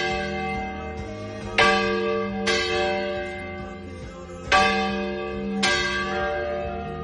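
Church bells ring the festa major peal that announces the town's main festival, with several bright strikes at uneven intervals whose resonant tones overlap and hum on between hits, loud, with no voices.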